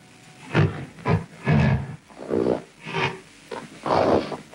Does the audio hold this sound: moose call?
yes